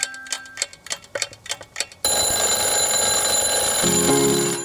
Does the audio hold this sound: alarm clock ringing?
yes